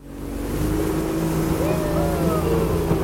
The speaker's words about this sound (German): Das kleine Holzboot liegt in die Kurve und beschleunigt, zur Freude der Touristen.